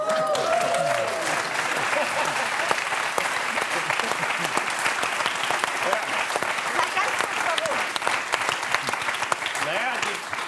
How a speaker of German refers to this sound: Das verhaltene Klatschen kann ich nicht nachvollziehen.